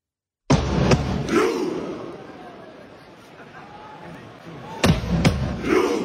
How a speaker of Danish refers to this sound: Og der skal du altså se for dig. Fanføren, der står og trummer, og så råber de alle sammen ro, og så laver de en robevægelse med hænderne, så vi har fuld knald på langbåden ud af fjorden, ikke?